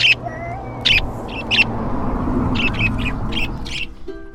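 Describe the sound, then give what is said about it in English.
A flock of parakeets kept by a man chirps in quick, scattered bursts, sharp high calls overlapping one another, over a steady low background hum, with no one speaking. “Yeah, he has a lot of parakeets.”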